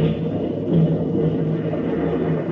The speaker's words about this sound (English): there's a storm. Yes, I know there's a storm.